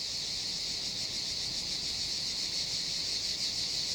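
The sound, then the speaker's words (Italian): A dense, continuous summer chorus of male cicadas singing competing love songs to attract a female, buzzing at a high pitch, steady and loud throughout with a slight pulsing shimmer, and no voices present. “La cicala deve fare la sua scelta tra tutta questa folla.”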